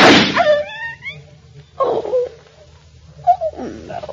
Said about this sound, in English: Oh, I heard a shot. I thought it came from... It did. I had to shoot Mrs. Houston's dog.